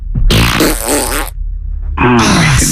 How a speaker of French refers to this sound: Tu aimes quand je pète ?